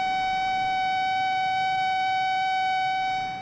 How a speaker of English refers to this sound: Getting an early warning can save lives. Many people use smoke detectors in their homes to warn them of a fire before it has a chance to spread, and that's an excellent idea.